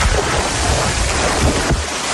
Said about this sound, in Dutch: Eerst komen we langs de zwemvijver. Kun je dan nog een duik nemen?